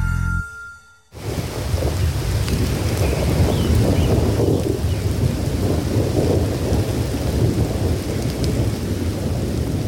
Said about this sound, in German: Erholungssuchende, Waldsportaktive und Naturmenschen werden leider oft genug von Gewittern ausgerechnet beim Waldbesuch überrascht.